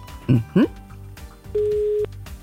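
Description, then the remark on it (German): A single steady ringback tone of a radio station's outgoing birthday call to Wenigzell, a level mid-pitched beep lasting about half a second, preceded by two brief bursts of voice and low background hum. “Es klingelt in wenig Zell.”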